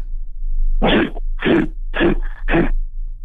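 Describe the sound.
A voice imitates a grizzly bear with four rough, growling bursts in a steady rhythm, each harsh and breathy, over a low constant hum.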